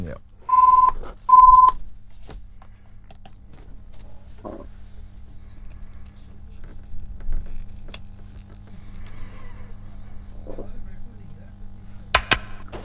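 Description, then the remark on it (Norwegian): Two short, steady electronic telephone ring tones sound near the start, fairly loud, followed by a quiet stretch of low hum with occasional faint clicks and rustles. “Da ringer det.”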